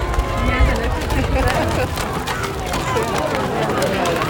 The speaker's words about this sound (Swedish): Idag så har hö bytts ut mot gräs när 31 kor fick komma ut på årets kosläpp på Lovö pressgård på Ekerö. Så här lät det.